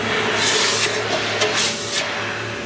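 Hot forged metal hisses and sizzles as it is dropped into a bucket of water, a few sharp bursts of steam over a low steady hum, fairly loud.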